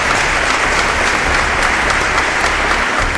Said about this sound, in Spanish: ¿Cuánto dicen amén? Dan un aplauso, Señor, amén.